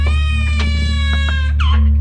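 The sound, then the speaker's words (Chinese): A baby cries in a long, steady, high-pitched wail that bends upward and strains near the end, with no talking over it. “我刚回来就听到宝宝一直在哭，他是怎么了吗？”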